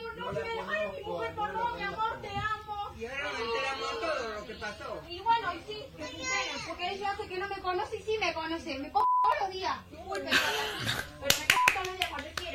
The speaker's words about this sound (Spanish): Hay una mujer dentro del colectivo negando a bajarse. Tremenda cachetada le pegó.